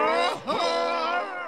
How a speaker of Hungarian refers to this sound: A Küklopsz felüvölt.